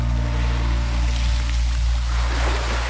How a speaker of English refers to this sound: Oh, isn't that lovely, the sound of the waves there?